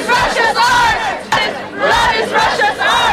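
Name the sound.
protest crowd chanting slogans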